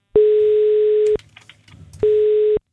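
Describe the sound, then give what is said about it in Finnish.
A telephone ringback tone purrs while a Radio 957 call is placed to a contest winner: two steady, buzzy rings about a second long, separated by a short pause, with a third just beginning as it ends. “Nyt on aika soittaa yhdelle voittajalle.”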